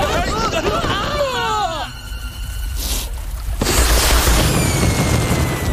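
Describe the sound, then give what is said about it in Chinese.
Rising whistles climb and squeal, then loud fireworks burst with deep booms and crackling spread, followed by a sustained rumbling roar of explosions over a faint crowd hubbub. “快看，烟花开始了。”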